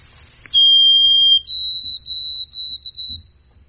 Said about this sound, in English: Yeah, so that's our Wild Bird of the Week, white-throated sparrow, moving through now. So watch for them. Usually they come through in flocks. So when you see one, you see a bunch. And that's the, oh, sweet Canada, Canada, Canada. Love it.